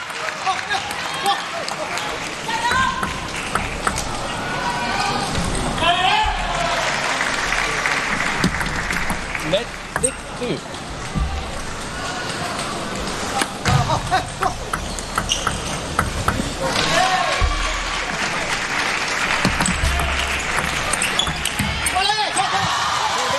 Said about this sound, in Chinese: 好，我们看到看台上中国队都在起立鼓掌。